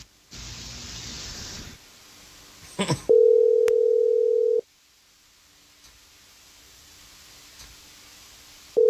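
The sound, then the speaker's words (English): A hiss of line noise and a click, then the steady hum of an outgoing phone call's ringing tone, placed live on air by the Jesse James Morning Show radio program. One ring lasts about a second and a half, then a pause, and the next ring starts. “I just need you quiet on the phone while we give her a call, okay?”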